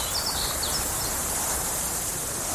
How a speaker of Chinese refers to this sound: 草原，大海。如果有一天，这些美好的声音突然消失